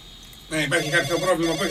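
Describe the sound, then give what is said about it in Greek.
A telephone rings loudly, its tone starting abruptly after a brief quiet moment and continuing steadily to the end, with shifting, warbling pitches. “Μαμά, το τηλέφωνο.”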